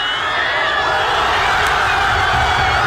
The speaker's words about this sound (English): Let's take a moment for the full-time whistle. This was the crowd in Madrid when Spain had won.